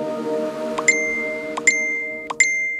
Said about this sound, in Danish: Ja, det her, det er da en velkendt lyd for de fleste, og de fleste tager sig også til lommen, når de hører telefonen plingelinge.